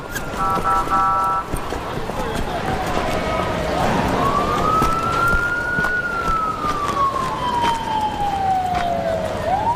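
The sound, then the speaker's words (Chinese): An ambulance siren wails, one slow rising and falling tone sweeping loudly over a busy, noisy scene at a mine site, with people talking and moving in the background. “赶紧扶救护车 这边， 快快快快！”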